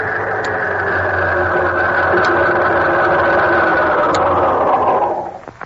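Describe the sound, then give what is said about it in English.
A car engine runs with a steady, loud droning rumble and a low hum underneath. The car carries Mr. T and is driven by Ding Dong, the giant wrestler. The sound holds even for about five seconds before quickly dying away at the end. No one speaks. “Guess who's in that car?”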